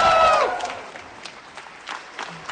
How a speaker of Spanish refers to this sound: Sale de su oficina y la gente, la verdad, que la aplaude de una manera pero muy fuerte. Ella sonríe, mira a la gente, la siguen aplaudiendo.